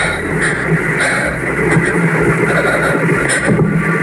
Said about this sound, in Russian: Летит беспилотник. А еще летит.